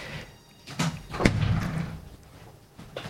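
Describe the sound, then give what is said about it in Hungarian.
A door bangs shut with a sharp, heavy impact as someone who came in very agitated leaves, slamming it; a lighter knock comes before and a brief rattling resonance after, then quiet with another faint bump near the end. “Ajaj, itt valaki nagyon idegesen bejött, majd elment, és csapkodja az ajtót, lehet, hogy valami csúnyát mondtam.”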